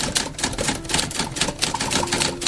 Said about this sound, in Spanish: Mientras la mayoría de los trámites hoy se realizan con unos cuantos clics, afuera de la agencia fiscal de Ciudad Obregón todavía resuenan las teclas de una máquina de escribir que tiene más de 40 años de historia.